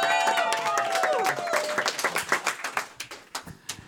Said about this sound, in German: Auch hier nochmal ein ganz großer Applaus und ein Dankeschön an Hans